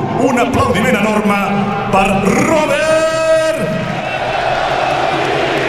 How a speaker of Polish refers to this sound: Oklaski na stojąco.